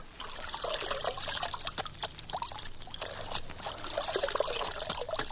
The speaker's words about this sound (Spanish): Hay que mandar al caballo por ellas. Le mojaré las patas.